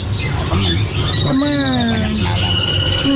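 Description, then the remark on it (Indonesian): A busy chorus of caged songbirds chirping and trilling over one another at a bird seller's market stall, bright overlapping continuous calls, with a low murmur of background noise underneath. “Namun, riuh kicauan burung di lapaknya tak sebanding lurus dengan kondisi penjualannya saat ini.”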